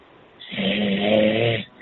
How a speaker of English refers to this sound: He's snoring.